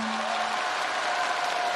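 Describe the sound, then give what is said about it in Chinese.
Steady applause from a studio audience for Xiao Sa choosing the correct answer C, a dense wash of clapping that holds at an even level for under two seconds, with a faint sustained tone running beneath it. “哎 ，C 正确答案，掌声送给小撒，选择了正确答案 C， 没错。”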